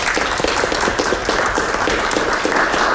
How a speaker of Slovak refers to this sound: Ďakujem, to bolo krásne, zaslúži si to potlesk.